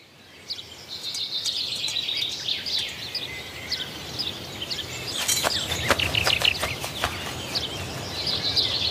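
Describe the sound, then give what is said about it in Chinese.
Small birds give alarm calls, a black redstart raising the alarm on spotting a sparrowhawk perched on a rooftop: a burst of sharp, high ticking notes repeats in quick succession over steady, busy chirping and twittering, with no voices. “一只赭红尾鸲发现了它，随即发出警报。”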